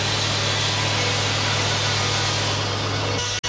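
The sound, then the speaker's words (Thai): A loud, steady grinding roar of sawmill saws cutting through timber logs floated down the Salween River from the north, processed at this sawmill for export to Japan, with a constant low motor hum underneath. It cuts off abruptly for a split second near the end, and no one speaks. “ท่อนซุงจะถูกล่องมาตามลำน้ำสารวินจากภาคเหนือเพื่อมาแปรรูปที่โรงเลื่อยแห่งนี้และส่งออกไปประเทศญี่ปุ่นทั้งหมดโดยผู้รับสัมปทานชาวต่างชาติ”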